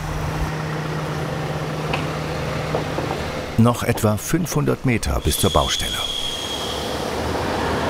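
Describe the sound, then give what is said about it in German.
A heavy truck creeps at walking pace along a narrow private road with a steady low rumble, then a cluster of loud metallic clanks and bangs erupts midway as it rolls over steel plates laid on the road; a voice speaks briefly. “Hier ist es wirklich sehr eng, deswegen haben wir hier überall auch die Stahlplatten ausgelegt, damit der schwere LKW hier überall sicher rüberfahren kann und nicht aus Versehen die ganze Bankette kaputt macht und in den Graben sackt.”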